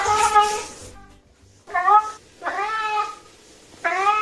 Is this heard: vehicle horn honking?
no